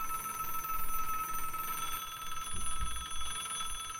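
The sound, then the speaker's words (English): A telethon telephone rings continuously with a rapid, trilling bell tone that holds steady for the whole stretch, fairly quiet, with no one speaking over it. “Wait, I'm not going to answer your phones for you, Jerry.”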